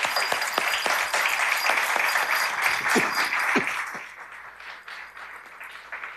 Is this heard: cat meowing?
no